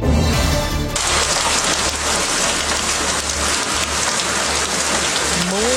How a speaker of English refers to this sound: Rain in the forecast, more and more rain as river waters rise and the city gets soaked.